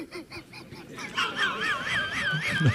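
A purple swamphen calls with loud, nasal honking notes. Short bursts give way to a wavering, trilled wail that rises and falls repeatedly. No one speaks.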